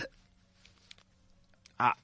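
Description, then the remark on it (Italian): A single short, sharp cough from a radio host bursts out near the end of a broadcast, following a stretch of near silence with only a faint low hum in the background. “Stavo tossendo.”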